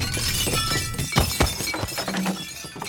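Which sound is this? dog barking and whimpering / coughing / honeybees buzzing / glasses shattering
glasses shattering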